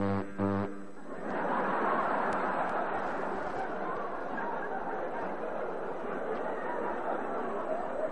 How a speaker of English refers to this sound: We have the diesel electric. Can you imagine anything more lonesome sounding on a cold night when you're alone than a diesel electric?